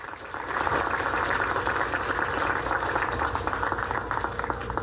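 A crowd claps steadily, a dense crackling wash of applause that swells in within the first half second and holds at an even, fairly loud level throughout.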